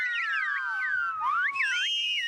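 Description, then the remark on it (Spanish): Loud, piercing silbo, the whistled speech of the Canary Islands: a continuous run of sliding tones that swoop up and down in quick, varied glides, with no voice talking alongside. “El silbo fue y es un vehículo de cohesión social.”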